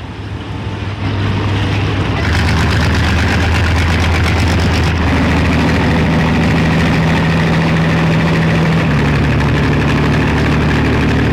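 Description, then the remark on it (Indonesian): A river ferry's engine idles loudly and steadily during thick smoke haze, a continuous low droning rumble with a throbbing vibration that holds throughout, its pitch shifting slightly partway through. “naik kapal penyeberangan saat kondisi asap pekat sangat berisiko dan merasa khawatir karena aktivitas di sungai masih ramai.”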